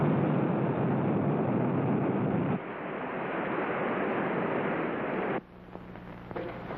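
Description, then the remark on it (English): Missiles striking the water near a submarine: a loud, sustained rushing roar of churning spray that shifts partway through, then drops abruptly to a quieter low rumble with faint tones. No one speaks. “Missiles hit the water near the sub.”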